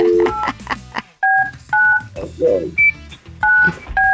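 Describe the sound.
A quick series of telephone touch-tone dialing beeps, five or so clear, loud tones in an uneven rhythm, following a moment of talking and with murmured voices between them.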